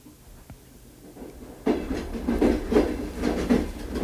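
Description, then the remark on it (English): A train rolls along the rails on a virtual ride aboard the Winter Park Express, its steady rumble rising suddenly after a quiet start, with a rhythmic clickety-clack of wheels over track joints repeating every half second or so. “You're about to board the Winter Park Express for the morning mystery tour”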